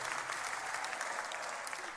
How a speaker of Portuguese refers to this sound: Então é fácil, vocês batem palmas e eu volto. É a maior mentira dos espetáculos, é que está sempre previsto.